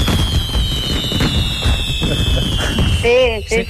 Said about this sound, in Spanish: Es que estamos probando también los petardos del piromusical del domingo, de la fiesta mayor, y es para ver si sonaban bien. Mire.